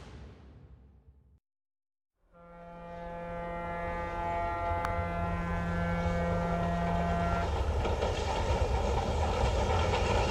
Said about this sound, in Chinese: 营口到了，营口到了，下车的赶紧的。 说话时，火车停靠在站台上。